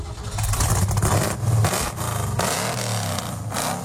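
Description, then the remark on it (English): The engine of a Ford GT XA car revs loudly, its deep rumble rising and falling in repeated bursts of throttle, with a rough mechanical whir throughout and no voices. “went to take a look at his Ford GT XA.”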